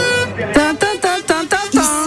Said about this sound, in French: Bah, j'entends plutôt de gros klaxons dans mes oreilles, dans nos oreilles à toutes et tous. Et là, un klaxon assez particulier, je sais pas si vous l'entendez.